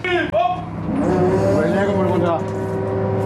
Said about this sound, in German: Bettus Loden hieft sie mit einer elektrischen Winde an Deck